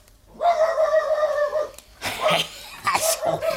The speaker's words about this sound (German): Ich warte, bis der Hund wieder bellt.